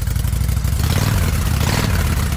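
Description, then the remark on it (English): A motorcycle engine revs up, its deep throaty rumble pulsing with rapid firing and rising slightly in pitch over a couple of seconds, loud and steady with no voices. “Can you hear it? The road is calling. Is your bike ready?”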